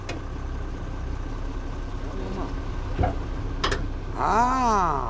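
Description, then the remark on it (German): A tractor engine idles with a steady low rumble throughout, broken by a couple of short clicks, and a brief voice-like tonal sound rises over it near the end; a learner driver's tractor during a tractor licence lesson, about to follow a car onto the road. “Okay, dann folge mir unauffällig mit deinem Trecker.”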